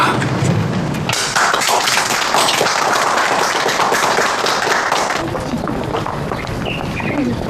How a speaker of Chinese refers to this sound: 同志们，我郑重建议，为了咱们的检察官安妮，为了何路源，为了韩轩，为了我们工作组的全体成员，起立，鼓掌。